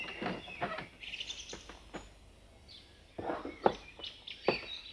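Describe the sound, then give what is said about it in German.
A small bird chirps repeatedly in short, bright bursts, fairly loud, with uneven pauses between the calls and some faint handling noise underneath. “Solche große Aufregung und so ein kleiner Vogel.”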